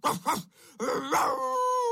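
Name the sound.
dog barking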